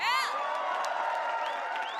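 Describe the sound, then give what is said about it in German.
A concert audience at Popfest applauds and cheers steadily, a dense wash of clapping and crowd noise with a loud whoop at the start and more shouts rising over it. “Applaus!”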